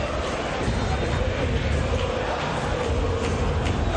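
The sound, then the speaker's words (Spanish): A huge crowd of Boca fans at La Bombonera roars and applauds the Ecuadorian player Valencia as he comes on as a substitute, in a dense, continuous wall of noise that stays loud and steady throughout, with no single voice standing out. “Qué aplausos para el ecuatoriano, ¿eh? Escuchá cómo está la bombonera.”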